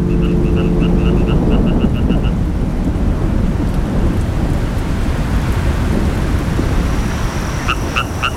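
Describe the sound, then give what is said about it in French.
Heavy rain pours down in a steady, loud roar with deep rumbling thunder underneath, while a few brief repeated chirps sound near the start and again at the very end. “Quand il y a eu des coups de chaleur comme ça, et puis que d'un seul coup la pluie tombe comme ça, oui, ils sortent là.”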